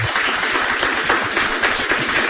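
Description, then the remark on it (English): A crowd in Gallagher's of Ballyfag, a pub, claps and applauds steadily, a dense, loud wash of many overlapping hand claps with no pauses and no voices standing out. “And as you can hear there, we have a big crowd in Gallagher's of Ballyfag.”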